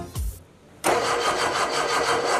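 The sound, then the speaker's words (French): A new, amateur-built car engine being test-started cranks briefly with a low thump and whir, pauses, then catches abruptly and settles into a steady, loud, rumbling idle with a slight rhythmic pulse. “Démarre pour voir.”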